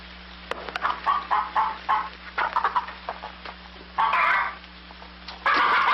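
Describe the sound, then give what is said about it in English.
Chickens cluck in a quick run of short, choppy calls, followed by two longer, louder squawking bursts, over a steady low hum. “Well, feed the chickens.”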